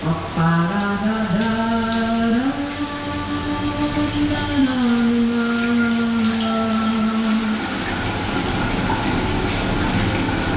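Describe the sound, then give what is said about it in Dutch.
A shower tap runs with a steady rushing hiss. For the first seven seconds a droning pipe whine rides over it, stepping up and down in pitch before dropping away. No one speaks. “En dan gaat de kraan stromen en dan moeten we even goed luisteren.”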